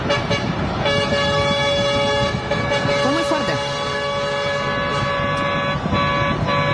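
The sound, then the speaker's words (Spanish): Sustained, overlapping vehicle horns blare continuously from a protest convoy of trucks, pickup trucks and farm machinery. The convoy is driven by yerba mate producers marching on a road in Misiones, Argentina, against Milei. Steady engine rumble and faint voices sound underneath. “Bueno, los que están, los que no están observando, estamos viendo una ruta con camiones y camionetas y otra maquinaria que utilizan los productores que están marchando, protestando frente a Milei.”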